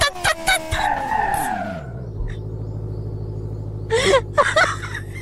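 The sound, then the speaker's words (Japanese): A video game car engine whines and drops in pitch as it spins out, with tire skid screeches, then settles into a steady low hum broken by a few more short squeals. “車が回転した。”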